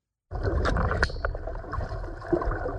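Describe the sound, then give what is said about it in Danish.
Steady sloshing, gurgling water plays continuously after button number 4 is pressed, broken by a couple of sharp, bright plinks near the start, one ringing briefly. No voices are heard. “Vand og pling.”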